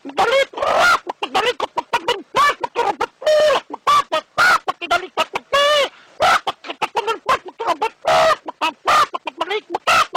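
A person imitates a rooster clucking with their voice: a rapid, choppy run of loud clucks and squawks with brief gaps between them, and no other talking.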